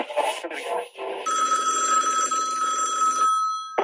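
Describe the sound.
A telephone rings for an incoming call to the Los 40 (97.1) radio station booth, a steady trilling ring lasting about two seconds, with a voice heard briefly just before it.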